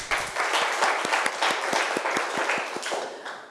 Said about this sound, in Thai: ถูกต้องนะครับปรบมือเพื่อนหน่อยครับ